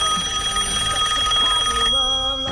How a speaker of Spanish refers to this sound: Qué bien ese telefonito. ¿Te gusta el sonido? ¿Te gusta?